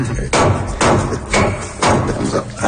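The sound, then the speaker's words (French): Steady pounding as a clove is gently crushed while preparing a snack, about five dull thuds spaced roughly half a second apart, each with a short gritty crunch. “D'abord, il faut commencer par écraser le clou de girofle. Mais doucement.”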